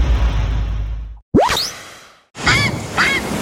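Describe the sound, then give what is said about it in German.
A grey heron gives two harsh, raspy, fairly loud calls near the end, after a rushing burst of noise and a quick rising whoosh, with no talking. “der allwissende Fischreiher der Reederei Röding.”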